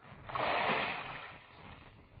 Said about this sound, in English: You drop down there first. I don't know how deep the water is. Here it goes.